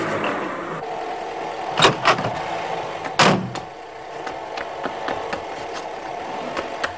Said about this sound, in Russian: выгоняет из гаража машину.